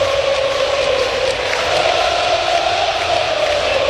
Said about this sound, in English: Well, the crowd's certainly joyous right now as the Yankees lead 9-0.